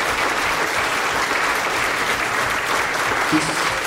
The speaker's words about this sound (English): This applause should go to all those people who are fighting and still are fighting in the streets there.